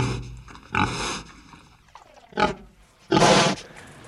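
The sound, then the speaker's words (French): Several harsh, rasping animal roars and grunts burst out in uneven bursts, the last one loudest and longest, with quieter rumbling breaths between them and no voices. “assez gros et leur grognement n'est pas harmonieux.”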